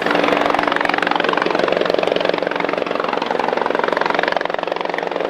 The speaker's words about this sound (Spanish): Así llegaba al sanatorio Mautón el helicóptero que debió rescatar a un tripulante de 67 años que se encontraba en alta mar con un cuadro febril prolongado.